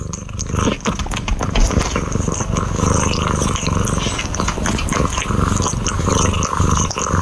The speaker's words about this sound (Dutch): Mijn kat Floris is zich aan het wassen op mijn schoot.